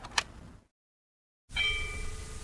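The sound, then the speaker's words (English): A church bell rings at 12 o'clock in the daytime with a bright, lingering tone that hums on after the strike, preceded by a brief metallic clink and a moment of silence. “What did I hear at 12 o'clock in the daytime? Church bell ringing.”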